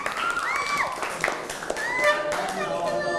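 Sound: classroom clapping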